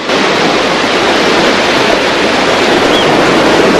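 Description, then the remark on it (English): Steady, dense surf rushes continuously at a fairly loud level, a broad wash of water breaking on a beach with no distinct pauses and no voices. “Happer ambles along the beach as Mac catches up to him.”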